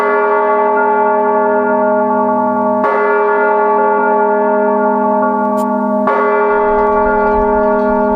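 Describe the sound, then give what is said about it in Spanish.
Church bells in Spain, rung by hand, toll loudly three times at slow, spaced intervals, each stroke a rich metallic clang whose deep humming tone hangs on and overlaps the next. No voices. “la UNESCO inscribió el toque manual de campanas en España”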